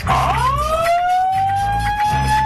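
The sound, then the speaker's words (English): A loud siren wail sweeps upward, then holds a steady, slowly climbing tone over a low, throbbing rumble that pulses on and off. No voices are heard. “The dry hump alarm.”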